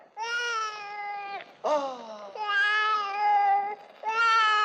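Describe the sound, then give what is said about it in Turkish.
A baby wails loudly in a few long, drawn-out cries, each broken by a quick gasp before the next one starts, with no other voices. “Ne ağlar durursun canım?”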